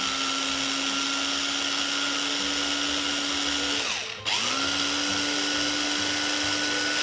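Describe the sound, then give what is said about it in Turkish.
A blender whirs steadily as it grinds fresh biscuits into fine, flour-like crumbs, a loud high motor whine that briefly cuts out and winds down around the middle, then spins back up to full speed. “Bisküvileri un haline getirdik.”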